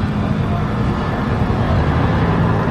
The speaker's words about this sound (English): 1-2, we'll have to wait as a helicopter flies overhead.